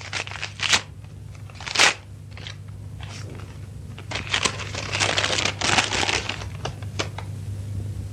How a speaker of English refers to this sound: The gentle closing of the door as Valerie made her exit broke the spell, and Margaret reached for the slim silver paper knife on her desk and slit the envelope at the top.